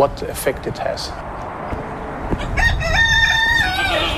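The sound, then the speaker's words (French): After a couple of seconds of outdoor background noise, a rooster in a garden, with a 3M factory on the horizon, lets out a loud, drawn-out cock-a-doodle-doo crow that rises and holds. “Dans son jardin, un coq, quelques moutons, mais avec l'usine 3M à l'horizon, pas question de consommer des produits locaux.”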